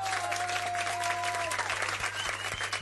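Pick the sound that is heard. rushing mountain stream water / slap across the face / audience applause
audience applause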